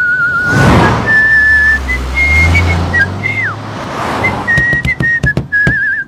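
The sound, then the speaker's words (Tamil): A person whistles a short tune of clear, steady notes that step up and down in pitch, over a broad whooshing background and low rumble, with several sharp clicks near the end. “சின்ன வயசுல நானும் பிக்கிற அடிப்பேன், ரொம்ப நன்னா அடிப்பேன். இப்ப அடிச்சா வெறும் காத்தா வருது.”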